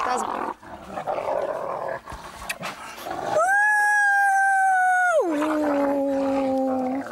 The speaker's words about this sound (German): spricht die Sprache der Wölfe. Sie versteht auch, wenn die mal ganz finster knurren.